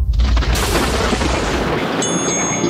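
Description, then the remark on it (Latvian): A loud, sustained crack and rumble of thunder, heavy in the low end, rolling on steadily for a few seconds with no voices over it. “Paskatās, tas lietutiņš uzreiz tur to pērkons iedeva to sajūtu, kas notiek.”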